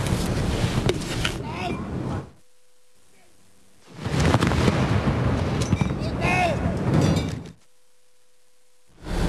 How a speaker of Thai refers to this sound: การยิงสลุดถือเป็นธรรมเนียมที่ทุกประเทศทั่วโลกได้ยึดถือสืบทอดกันมาแต่ครั้งโบราณเพื่อเป็นการแสดงความเคารพให้แก่ชาติหรือธงหรือบุคคลโดยยิงปืนใหญ่ด้วยดินดำหรือดินไม่มีควันมีจำนวนนัดเป็นเกณฑ์ตามควรแก่เกียรติหรือสิ่งที่ควรรับความเคารพ